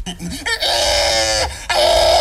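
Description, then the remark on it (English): A person belts out a loud, shrill pig call at a pigs calling competition: a few short yelps, then two long, strained, high-pitched wails separated by a brief break. No other talking. “In another part of the world, there was a pigs calling competition.”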